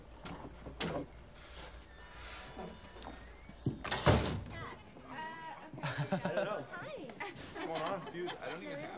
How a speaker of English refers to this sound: In here now. Close the door.